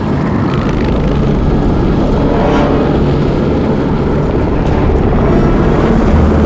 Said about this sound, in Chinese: 日本人的飞机，不好，日本人的飞机，快，日本人的飞机，快